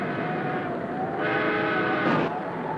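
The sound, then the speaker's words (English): A train engine's signal whistle, sounded while checking that the line is safe for the express, gives a steady, reedy harmonic tone over a constant low rumble, swelling louder partway through and flaring briefly brighter near the end. “That's the back and engine signal.”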